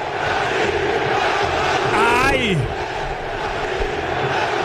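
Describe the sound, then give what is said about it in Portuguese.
Cruzeiro football fans chant and roar as a dense, steady wall of many voices, with one loud shout rising and falling midway through. “Olha só a torcida. Vamos ouvir.”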